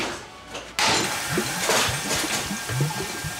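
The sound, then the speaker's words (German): A repaired coffee machine starts up with a sudden hiss, then keeps running with a steady rushing noise and irregular bubbling, gurgling spurts of water throughout. “Sie geht, Ilse. Die Kaffeemaschine. Ich hab sie repariert.”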